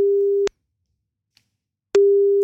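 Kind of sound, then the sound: signal or alarm, telephone ringback tone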